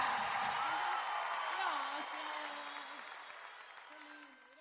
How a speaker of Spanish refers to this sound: ¡Aplauso fuerte